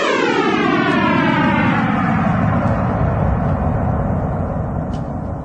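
A sonification of the Big Bang, starting at the Planck wall, 10 to the power of minus 43 seconds after time zero, 13.7 billion years ago: a loud, steady rumbling roar with layered tones sweeping slowly downward in pitch, like a passing jet, with no voices.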